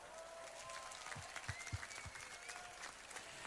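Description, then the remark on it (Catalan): An audience applauds for the Casino society's board (Junta) at its centenary during the Festa Major of Sant Andreu, in a steady, dense wash of clapping that fills the whole stretch, moderately quiet, with a few sharper claps standing out near the middle. “I demano per la Junta, fem un gran aplaudiment.”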